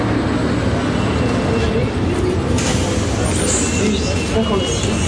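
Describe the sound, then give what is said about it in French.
A heavy city bus, the number 56 toward Château de Vincennes in Paris, idles, its deep engine rumble steady and loud over a busy street hum, with indistinct voices murmuring in the background. “Ah, voilà le bus.”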